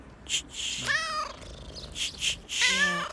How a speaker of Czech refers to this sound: Čičí, ta je krásná. Holky, nechte tu kočku.